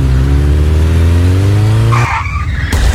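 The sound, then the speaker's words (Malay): A motorbike engine drones and climbs in pitch for about two seconds as it is ridden carelessly, then a sharp tire screech cuts in, ending in a sudden loud crash as the bike falls. No one speaks. “Aduh, yang kok kamu bawa motornya gak bener sih? Jatuh kan?”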